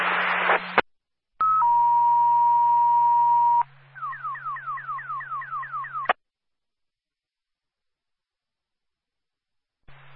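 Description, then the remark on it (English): Fire dispatch still alarm tones over a radio, calling an ambulance in Concord to a motor vehicle accident at Booton Street and North State Street: a brief burst of static, a steady electronic tone held for about two seconds, then around eight quick rising sweeps in a row, ending abruptly in silence. “A still alarm for Concord Ambulance 1.”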